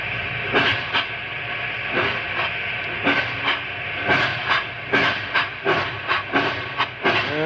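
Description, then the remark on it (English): A steam locomotive heading down a mountain runs with a steady broad hiss of steam, punctuated by regular sharp chuffs and clacking beats roughly every half second, loud and continuous with no voices. “A locomotive can outrun a horse any day.”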